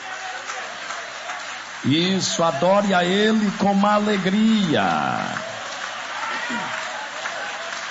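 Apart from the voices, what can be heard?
audience applauding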